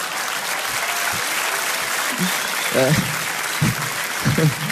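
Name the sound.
audience applause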